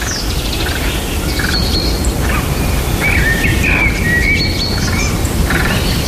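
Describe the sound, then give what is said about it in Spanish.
Several birds chirp and trill at dawn in scattered bursts, some short tweets and a longer warbling call, over a constant soft rustle like wind through leaves. No one speaks. “donde el ruido desaparece prácticamente al completo y donde solo se escucha el respirar, el vaivén de las hojas o los pájaros al despertar.”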